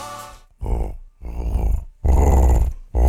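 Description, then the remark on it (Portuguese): A voice imitates a jaguar's growl with a run of four or five loud, rough, rasping snarls, separated by short breaths, with no talking. “Na dúvida, como é que é um barulho de onça, hein?”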